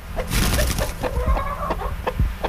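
Chickens on a farm cluck in a steady jumble of short, repeated calls, fairly loud, with some rustling noise underneath and no one talking.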